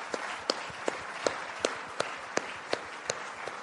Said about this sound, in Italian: e vi invito anche a un applauso. Grazie.